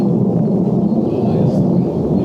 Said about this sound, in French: On entend l'avion. C'est l'avion qui est en train de passer par ici.